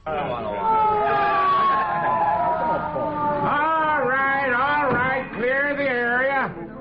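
An ambulance siren blares loud, first a long gliding tone that slowly drops, then a rapid rising-and-falling wail that repeats steadily for several seconds.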